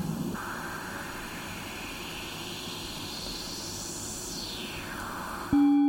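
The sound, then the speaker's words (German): Steady white-noise hiss shaped by a resonant filter that overemphasizes one part of the spectrum, its whistling peak gliding slowly upward and then back down, before a sudden low, steady buzzing tone cuts in at the very end. “Das heißt, wir hören immer noch das ganze Rauschen, aber wir können jetzt über das Filter heraushören, was in diesem Rauschen alles integriert ist.”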